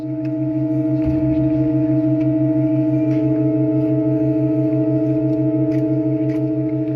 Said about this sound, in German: Interessanterweise spricht die neue Pfeife nicht sofort an, sondern räuspert sich noch 2-3 Sekunden, bis sie präsent klingt. Die Assoziation der menschlichen Stimme liegt nah.